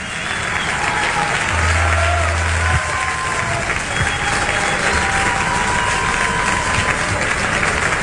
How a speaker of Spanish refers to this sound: Muy bien, aplausos para la música argentina, aplausos para el folclore.